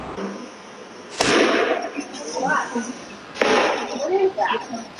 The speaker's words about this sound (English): You can hear the gunshots ringing out in security camera footage shortly after 8 p.m. as the chaos unfolded. Thousands ran for their lives when the vibrant festival celebrating Latin culture took a deadly turn.